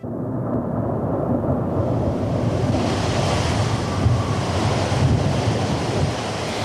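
Rough sea waves surge and crash continuously while strong wind roars and buffets the microphone, a dense, loud, steady storm with no voices.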